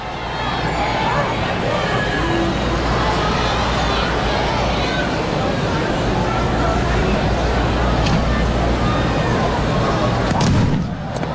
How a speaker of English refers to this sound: it sounds like someone's having some trouble with maybe their exhaust pipe, their car, or somebody lit a pipe bomb, I don't know, either or.